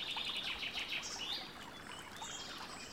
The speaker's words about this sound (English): There are birds singing, and there is the gentle sound of water.